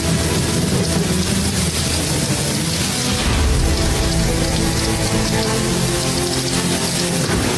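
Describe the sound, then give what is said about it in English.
A steady, loud roar of storm wind and churning waves overtaking a small boat, with heavy low surges of water and a constant hiss, sustained without pause and with no voices. “Lord, apologies for waking you, but the wind and the waves, they're overtaking our small little boat.”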